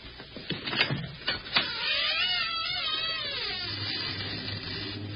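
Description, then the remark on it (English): An old door in an old house, at the top of a hidden stairway, creaks open onto an attic: a few dull clunks and rattles, then a long, wavering, high-pitched hinge squeal that drones on steadily to the end, with no voices. “Door.”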